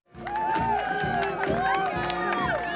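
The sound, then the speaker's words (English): A large crowd in Bermuda cheers and shouts for King Charles on the final leg of his royal tour, a dense, continuous roar of many overlapping voices rising and falling, loud and steady for a few seconds after a quick swell. “Crowds continued to turn out for King Charles along the final leg of his royal tour of Bermuda.”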